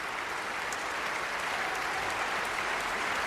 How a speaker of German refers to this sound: Und das Orchester nimmt den Applaus an. Begeisterte Rufe, begeisterte Pfiffe. Paavo Järvi und das Estonian Festival Orchestra.